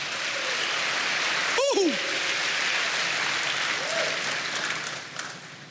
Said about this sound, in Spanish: Dele aplausos al Señor.